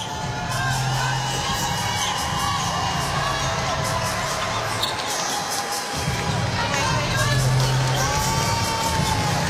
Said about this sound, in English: What a great crowd it sounds like it is in the Hydro. They're just happy to be there, aren't they? Cheering absolutely everything that's going on for Doju.